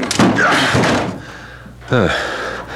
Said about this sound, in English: Is this the apartment? Yes. All is quiet. Too quiet. The door is locked. Break it in.